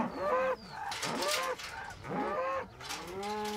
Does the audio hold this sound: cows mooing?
yes